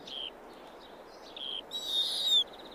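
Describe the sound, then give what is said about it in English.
Thin, high-pitched owl calls repeat in short squeaky bursts, ending with a longer, harsher screech, heard fairly softly over a low, steady background rumble with no talking. “When food is in short supply, owls lay fewer eggs.”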